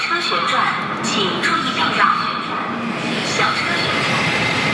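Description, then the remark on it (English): An industrial robot arm in a Chinese factory whirs through a swirling, twirling motion, its motor tones rising and falling in smooth sweeps over a steady, dense wash of factory machinery noise, moderately loud. “I'm not sure if you can hear clearly behind me, but that is the sound of the swirling, twirling movement of a robot arm.”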